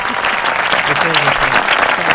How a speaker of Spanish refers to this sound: Gracias por esos aplausos de aquel lado